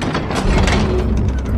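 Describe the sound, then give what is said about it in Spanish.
Two guards open large heavy doors, which grind open with a steady, loud mechanical rumble and faint ratcheting creaks running through the whole moment, with no one speaking. “Dos guardias abren las grandes puertas.”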